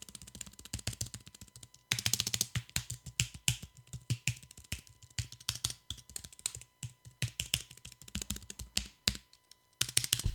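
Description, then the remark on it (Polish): Soft, rapid typing on a quiet computer keyboard held up to the microphone to show how loud its key presses are, quick irregular key clicks in bursts, pausing briefly now and then; the keystrokes are light and fairly quiet, with no voices. “Jeszcze zaprezentuję, a właściwie spróbuję przynajmniej zaprezentować głośność wciskania klawiszy.”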